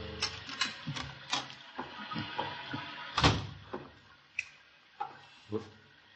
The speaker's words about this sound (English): The headlights flashed through the windows as the car turned into the drive, and a moment later I heard his key in the lock.